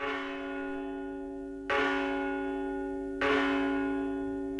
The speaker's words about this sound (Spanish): Estas son las campanas de Virga la Mayor llamando a misa.